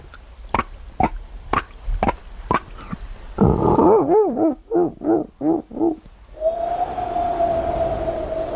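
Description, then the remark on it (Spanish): A voice imitates a dolphin: a run of sharp, evenly spaced clicks, then a series of wavering, warbling squeals in quick bursts, ending in a long, steady high whistle. “Mira, joder, al mar y todo, te puedo hacer un delfín.”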